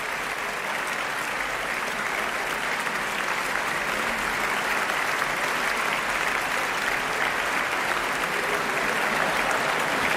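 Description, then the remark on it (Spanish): Sustained, dense applause from a large concert audience, live in the Sala Sinfónica of the Auditorio Nacional de Música, for the vocal soloists, Tan Dun and the Orquesta y Coro Nacionales de España. It fills the reverberant hall, steady and loud throughout, with no voices standing out. “Son ahora todos los integrantes de esta interpretación, solistas vocales, Tan Dun, Orquesta y Coro Nacionales de España, que reciben este aplauso aquí en directo en la Sala Sinfónica del Auditorio Nacional de Música.”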